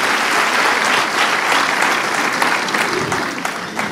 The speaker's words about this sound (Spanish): Aplaudamos al Señor mientras tomamos nuestros asientos. Por favor.